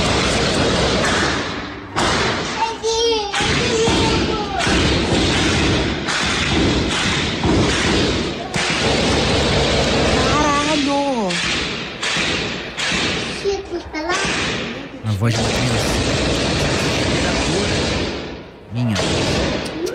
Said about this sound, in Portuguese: Vídeos que circulam nas redes sociais mostram um intenso tiroteio.